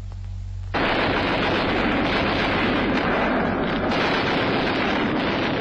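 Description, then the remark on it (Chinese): After a moment of low rumble, heavy gunfire erupts abruptly outside a tunnel and keeps going as a dense, rapid, continuous barrage, loud and unbroken to the end, with no voices. “突然坑道外面响起了枪声”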